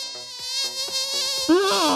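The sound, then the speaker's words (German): A high, thin mosquito whine drones steadily for about two seconds, fairly loud, its pitch wavering and rising slightly near the end as if the insect circles. “Mücken gewöhnen sich an Mückensprays.”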